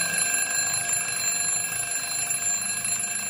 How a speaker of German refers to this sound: Immer wenn mein Wecker klingelt, mache ich den aus und schlafe weiter.